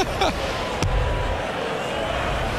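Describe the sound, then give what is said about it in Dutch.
Darts thrown by Gary Anderson strike the board with a sharp knock and clatter away, followed by a second hard tap, over a steady murmur of a crowd. “Gary, ze moeten met de punt eerst naar het bord, hè?”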